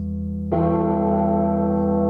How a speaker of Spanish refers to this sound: Esto lo grabaron, la campana esta, la grabaron en alguna iglesia, no sé cuántas veces. Escuchá.